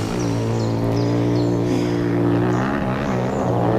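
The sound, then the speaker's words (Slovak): Motorcycle engines drone loudly and continuously, a low, buzzing rumble of layered tones that wavers slightly in pitch as the bikes ride past, with no voices. “Kde sa tu berú motorky? Hej, vy tam! Čo je to tu? Motocyklová rally?”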